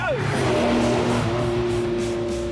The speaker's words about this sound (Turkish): Bu otomobili daha önce de kullandığımdan et biraz güce ihtiyacı olduğunu söylemiştim ama artık hiçbir şey istemiyor. Bu inanılmaz. Çünkü gaza basınca gaz tepkisi çok hızlı ve gerçekten gidiyor.